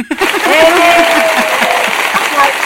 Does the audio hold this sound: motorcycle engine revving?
no